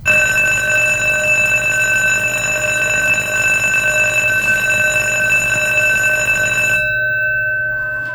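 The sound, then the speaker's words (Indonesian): A school bell rings loudly and without pause for about seven seconds, a bright metallic clanging with a steady buzzing hum beneath it, then cuts off abruptly into quiet. “Tapi, setiap kali bel itu berbunyi, saya melihat wajah anak-anak itu.”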